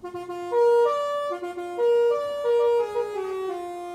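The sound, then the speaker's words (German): A mobile library bus (Bücherbus) in the Paderborn district sounds its horn loudly on arrival at its stop, playing a short melodic jingle of several sustained notes that step up and down in pitch over a few seconds, with no one talking. “So, jetzt sind wir da. Jetzt müssen wir einmal hupen.”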